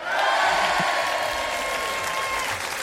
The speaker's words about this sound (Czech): No a já vám dávám tím pádem za prvé potlesk.